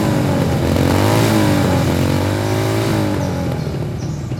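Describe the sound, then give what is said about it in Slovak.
Loud motorcycle engines rev and roar, pitch rising and falling as the bikes ride past, a steady dense growl filling the whole stretch with no voices. “No frasa, kde sa tu berú motorky?”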